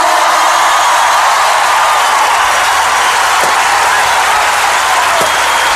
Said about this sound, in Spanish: A la guitarra eléctrica y acústica, un fuerte aplauso para